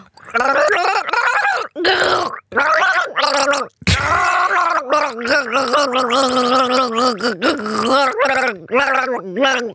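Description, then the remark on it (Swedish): A person gargles while voicing a tune from the Inception soundtrack, producing a bubbling, wavering hum that rises and falls in pitch over about ten seconds, with a few brief breaks for breath. “Rätt svar. Inception soundtrack.”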